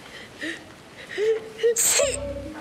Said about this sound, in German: Alles okay? Ich werde krank. Du hast nur geniest. Wenn man niest, dann wird man krank.